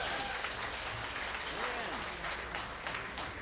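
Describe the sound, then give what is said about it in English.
A crowd claps steadily for the band after its last number, a dense, continuous wash of applause that fills the whole moment, with faint voices mixed in underneath. “All right, that last number was by the band, and we appreciate the applause.”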